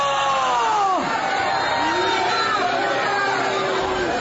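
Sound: crowd shouting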